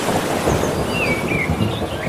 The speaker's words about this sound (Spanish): Mira, vamos a juntarlo todo, ¿eh? Olas. Y algún trueno.